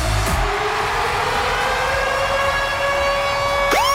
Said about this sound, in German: geht zwischen 6 und 9 Uhr morgen der Ticket-Alarm los, und das tönt so.